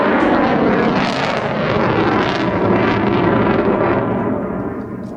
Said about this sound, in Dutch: De F-35 heeft veel power. Ja. Dit is een normale overvlucht, zeg maar, op 440 meter hoogte.